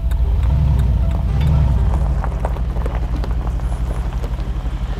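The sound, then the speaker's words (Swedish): A car drives on a gravel road past farmland on the Costa Cálida coast in Spain, its engine a steady low rumble under a constant crunching, rattling texture of tires on loose stones, fairly loud with no talking. “Jag kör bil på en grusväg.”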